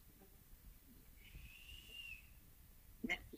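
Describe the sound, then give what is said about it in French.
A small female rat's thin, high whistle, one steady sustained tone lasting about a second, fairly quiet, followed by a brief soft tap. No one speaks. “Alors, la petite rate siffla.”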